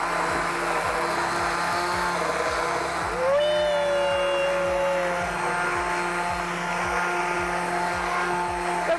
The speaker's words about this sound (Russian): Перемешиваем, поварим еще парочку минут и добавляем сыр. Я сначала слегка его разламываю и смешиваю лопаточкой, а потом только уже блендерю.